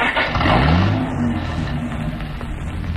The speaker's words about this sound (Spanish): Harrison pone el auto en movimiento.